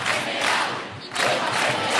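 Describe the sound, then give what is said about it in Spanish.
A large crowd chants a two-word slogan in unison, loud and sustained, with a brief dip before the voices surge back for another round, at an assembly in the Puerta del Sol in central Madrid during a tenants' union encampment. “Además del no nos vamos, nos quedamos, en la asamblea organizada en la Puerta del Sol se escucharon recurrentemente 2 palabras.”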